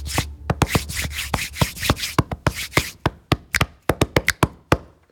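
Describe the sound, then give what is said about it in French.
Body percussion: rapid slaps and taps on the body over a steady rubbing swish, then the rubbing stops and sharper, sparser claps and smacks continue in an uneven rhythm. No voices. “Notamment grâce à notre voix et à notre corps que l'on peut frapper, frotter, faire claquer.”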